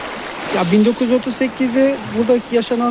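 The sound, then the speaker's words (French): The Munzur River near the small town of Ovacık flows with a steady rushing wash that continues throughout, while a person speaks over it in the foreground. “Nous sommes sur les bords de la rivière, près de la petite ville d'Ovacık”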